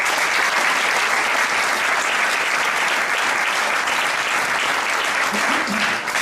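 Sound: audience applause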